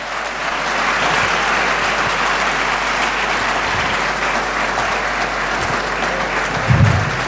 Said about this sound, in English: Shall we please applaud them?